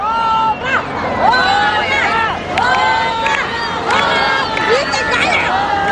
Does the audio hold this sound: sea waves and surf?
no